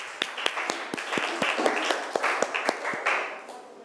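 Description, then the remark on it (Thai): Students in a classroom clap together for a classmate representing group one, a steady patter of many hands with a few sharper, louder claps standing out, fading slightly toward the end. No one speaks. “เชิญค่ะปรบมือให้ตัวแทนจากกลุ่มที่หนึ่งค่ะ”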